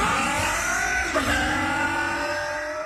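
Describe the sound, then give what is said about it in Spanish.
A four-stroke motorcycle engine revs loudly, a steady buzzing roar that briefly dips and climbs again in pitch midway, with no voices. “4T Top Loop de Bardal es protección para tu moto de cuatro tiempos.”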